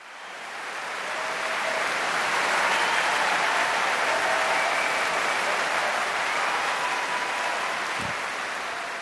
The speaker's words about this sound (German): Und damit endet auch das offizielle Konzertprogramm von diesem Abend. Aber der Applaus in London ist groß und das Orquesta Nacional de España belohnt ihn mit einer Zugabe aus dem so reichen Fundus der spanischen Zarzuela.